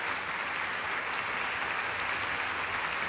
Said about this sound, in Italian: l'accogliamo con un bel applauso, fa tutto il suo percorso.